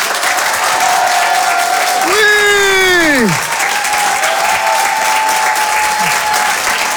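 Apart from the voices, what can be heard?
audience applause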